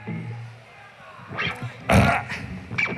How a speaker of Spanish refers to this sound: Es irreverente, lo conocemos, espontáneo y natural, y le sigue haciendo gracia, por ejemplo, meterse un eructo.